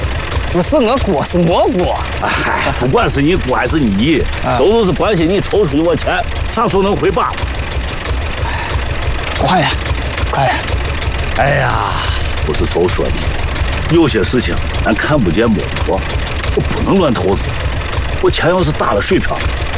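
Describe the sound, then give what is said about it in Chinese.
A tractor engine runs steadily and loudly throughout, a constant low chugging rumble, while people talk over it. “我是之前给你说干了大事嘛，都是我的，贷款买着拖拉机，农忙的时候下地干活，农闲的时候哎还能跑个运输。”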